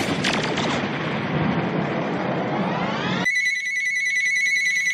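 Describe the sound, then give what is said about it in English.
A loud rushing, rumbling swell of noise cuts off abruptly, and a shrill electronic telephone ring takes over, steady, continuing to the end with no voices. “Lord have mercy, that phone is ringing again.”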